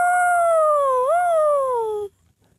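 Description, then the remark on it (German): A man's voice imitates a wolf howl: one sustained tone about two seconds long that wavers upward midway, then slides steadily lower before cutting off abruptly into near silence. “Und wieder heult er wie ein Wolf.”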